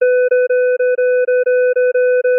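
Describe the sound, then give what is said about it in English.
A quick run of identical, evenly spaced electronic tones at one steady pitch, repeating at a regular pace with only tiny gaps between them. Loud, with no voices. “how you interpret this upcoming series of tones may be a reflection of your upbringing”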